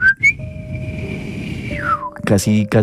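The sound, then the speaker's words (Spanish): A person imitates their grandfather's very soft whistle, a breathy sound holding one steady high note for about two seconds before it slides downward; a voice starts speaking right after. “Y siempre mi abuelito, cuando llegaba a visitarlo, que era sagrado, le silbaba, y le silbaba haciendo esto. Era un silbido súper leve, porque mi abuelito no era chiflido así de vamos a delinquir, sino era como...”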